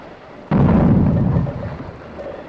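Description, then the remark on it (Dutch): A single heavy blast of dynamite charges set to break up an ice dam erupts suddenly, a deep booming rumble that rolls on for about a second before fading into a low background hiss. No voices are heard. “Dat binnen de dynamietmijnen, Montijn. Nou komt er schot in de ijsdam.”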